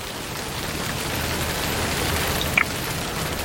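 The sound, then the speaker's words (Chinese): Sudden rain pours down in a dense, continuous hiss, with a brief brighter patter of drops near the end. There are no voices, just the wash of rainfall. “天真是怪呀，说下雨就下雨。”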